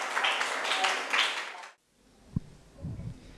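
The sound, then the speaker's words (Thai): A group of students claps together to welcome the third group of classmates presenting on Japanese loanwords, in a dense, steady burst of applause for under two seconds, then it cuts off abruptly; a single thump and low murmuring voices follow. “มาดูที่กลุ่มที่3ค่ะขอนำทุกคนนะคะขึ้นเครื่องไปต่อกันที่ญี่ปุ่นค่ะเชิญค่ะปรบมือต้อนรับเพื่อนหน่อย”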